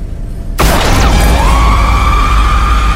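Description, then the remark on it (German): A sudden, loud gunshot blast with a crunching, shattering crack as the shot shatters an old witch's skull, followed by a steady ringing whine and dense rumble that linger to the end. No voices. “Mein Schuss hatte den Schädel der alten Hexe zertrümmert, die sich vor meinen Augen mit einem gellenden Schrei in dunkle Nebelschwaden auflöste.”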